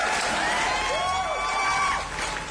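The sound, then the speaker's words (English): A crowd cheers and claps steadily, with whoops and a few rising whistles cutting through the dense, continuous roar of applause. “And then, round of applause”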